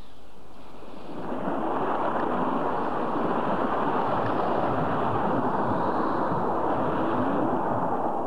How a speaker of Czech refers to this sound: To je zvláštní, jak rychle se změnil vítr. Tlačil nás zezadu a teď máme vlny i vítr na levém boku.